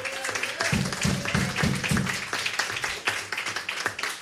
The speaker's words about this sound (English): And, of course, I want to thank the audience for coming out tonight and making us all sound good by clapping their hands as loud as they possibly can.